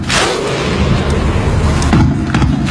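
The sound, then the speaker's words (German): A huge crowd of Icelandic football fans performs the Viking thunder clap at the 2018 World Cup: a few heavy, booming unison claps spaced roughly a second apart, rising out of a constant loud roar of crowd noise. “2018 haben dann die Isländer regiert.”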